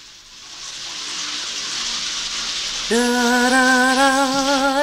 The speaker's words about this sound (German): Wohin gehst du denn? Duschen!